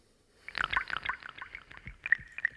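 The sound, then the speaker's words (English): Water drips in a quick cluster of bright plinks that thin out into a slower, scattered patter, with a faint liquid gurgle underneath and no voices. “Drip.”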